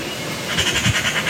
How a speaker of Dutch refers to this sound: Ja, ik zou het misschien niet zeggen, maar het is echt een zangvogel. Hij kan namelijk ook behoorlijk goed imiteren. Een ekster in Rilland, in de staart van Zuid-Beveland.